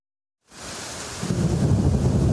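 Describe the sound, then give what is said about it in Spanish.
Torrential rain pours down in a steady, dense hiss after a moment of silence, and a deep rumble of thunder swells underneath it and grows louder, during an exceptional storm that flooded parts of Catalonia. No voices are heard. “Está todo inundado, cayendo agua por todos los lados.”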